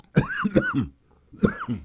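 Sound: coughing fit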